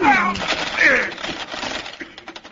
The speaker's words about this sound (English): My bridge work bounced around the floor like Mexican jumping teeth.